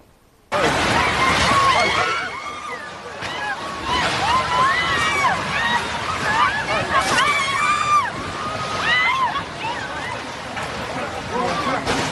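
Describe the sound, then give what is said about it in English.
A crowd of people screaming and shouting in panic during a 7.4 earthquake in the mountainous town of Pereira, Colombia, as they flee collapsing buildings; many high, wavering voices overlapping in a loud, chaotic din that starts abruptly and continues for about twelve seconds over a rough, noisy background. “Screaming there, just really chaotic scenes.”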